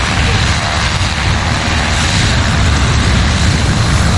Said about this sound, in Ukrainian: Наша знімальна група побачила, як працює цей безпілотник. Обережно, майже з хірургічною точністю, багатоцільовий бомбер вивантажує провізію на заплановану точку.